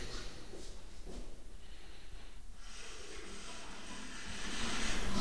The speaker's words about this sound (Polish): Mogę puścić wodę.